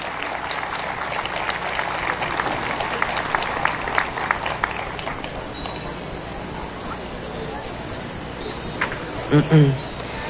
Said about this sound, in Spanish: Un aplauso, por favor.